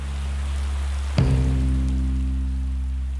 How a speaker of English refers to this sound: Then Moscow. The Champions League final against Chelsea. Rain. So much rain.